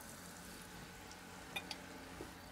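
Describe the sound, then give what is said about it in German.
A steady, soft sizzle of liver pieces frying in a pan, a constant hiss with a few sharp pops and crackles near the end. No one speaks. “Ja, schön, einfach in die Pfanne.”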